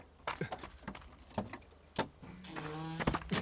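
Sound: door being opened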